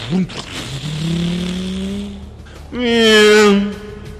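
A motorcycle engine revs up with a rising whine, holds a steady drone, then a loud, bright screech of skidding tires bursts out near the end.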